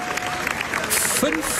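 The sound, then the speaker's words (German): Dense, steady applause from a large crowd at the Venice Film Festival for the film Bunker with Penelope Cruz and Javier Bardem, directed by Florian Zeller, an ovation lasting 15.5 minutes; a continuous wash of clapping with a murmur of voices and a brief whistle-like tone rising through it. “Es geht um Applaus.”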